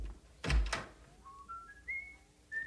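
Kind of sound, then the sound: human body sound, person whistling a tune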